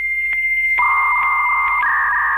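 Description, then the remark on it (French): A dial-up modem handshake connecting to the Internet and World Wide Web: a steady high tone that abruptly shifts to a lower pair of droning tones, with brief periodic clicks and a slight jump in pitch near the end, loud with no talking. “Les plus anciens s'en souviennent, le son du modem qui permettait de se brancher au fameux WWW, World Wide Web”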